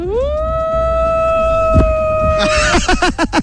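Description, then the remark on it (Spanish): A person imitates a wolf howl as the wolf of the Universidad de Durango, on a hot afternoon at the university: one long, steady rising-then-sustained tone held loudly for over two seconds, then breaking into rapid yips as background chatter rises. “quiero escuchar el aullido del lobo, el lobo de la Universidad de Durango”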